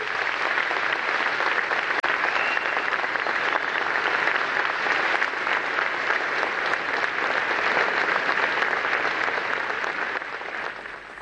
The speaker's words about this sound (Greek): Ακούσαμε τα χειροκροτήματα, συνεχίζονται.